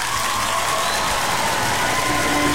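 An audience applauds steadily, a dense, even wash of many hands clapping at once that holds the same loudness for the whole stretch, with some crowd noise mixed in.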